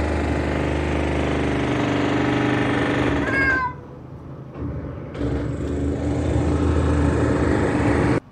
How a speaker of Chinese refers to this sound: 这是冲击钻，这个跟刚才不是一个级别。